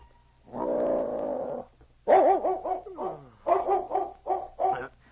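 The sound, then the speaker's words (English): A huge dog, Czar, lying beside a cot in a cabin after a light snow and a drop in temperature, gives a drawn-out, rumbling growl, then breaks into a quick run of loud barks and whimpering yelps with a wavering, uneasy pitch. “Suddenly, the huge dog raised his head, his ears pricked forward.”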